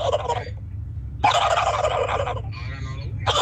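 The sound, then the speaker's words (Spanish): A person imitates a turkey's gobble as a hidden talent, with several bursts of rapid, warbling throat sounds, fairly loud, over a steady low hum. “mi talento oculto es hacer como pavo. Dale, ¿cómo hace el pavo?”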